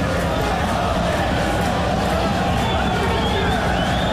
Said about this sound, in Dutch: Heel het stadion schreeuwt om Hens van de Falco.